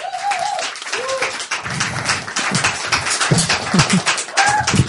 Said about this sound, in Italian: e quindi io vi chiedo un grandissimo applauso